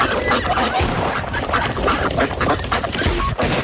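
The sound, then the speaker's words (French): A dense chorus of ducks quacking close by at a pond, many overlapping calls in a steady, loud clamor with no pauses, like a large flock gathered together. “Oh, je vais m'approcher des canards pour qu'on les entende encore mieux.”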